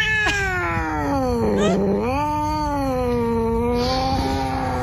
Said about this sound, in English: Yeah, that cat was mad. Wasn't moving anywhere.